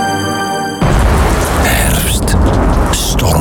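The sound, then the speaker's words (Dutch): Heavy rain pours down onto a roof with solar panels in a dense, steady hiss and patter, loud, starting abruptly after a short sustained musical tone. “Regen, bladeren op je dak.”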